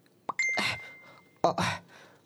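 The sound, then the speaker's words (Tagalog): A phone message notification chime rings out twice, announcing an incoming chat message. Each is a bright tone with a short ringing tail, separated by about a second of quiet. “Nag-chatgid man si Mami.”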